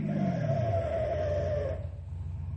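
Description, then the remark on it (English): A hot rod car brakes hard in a reenactment of an accident, its tires letting out a loud, sustained squeal for nearly two seconds before it stops, leaving a low engine rumble idling afterward. “That's just how I stopped”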